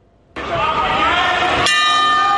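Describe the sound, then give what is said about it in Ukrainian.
A loud boxing ring bell at a combat sports tournament on Tenerife, Spain, bursts in suddenly with rapid metallic clanging, then settles into a sustained, bright ringing tone that carries on at full volume. “Коли чуєш цей дзвін, одразу стає зрозуміло – є ринг, є бійці, а значить на глядачів чекають запеклі протистояння.”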